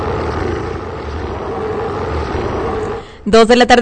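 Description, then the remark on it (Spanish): A loud, sustained roar rumbles steadily for about three seconds, then breaks off abruptly, and a person starts talking right after. “Arrancamos en un rugido.”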